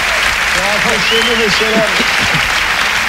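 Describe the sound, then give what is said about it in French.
Steady audience applause, a dense, loud patter of many hands clapping throughout, with a few voices calling out over it in the first half. “Trois d'applaudissements bourgeois, messieurs dames.”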